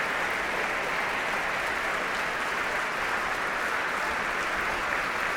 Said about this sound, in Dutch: En zojuist is hij de trap opgelopen. Ja. En daar komt hij nogmaals om dit applaus in ontvangst te nemen.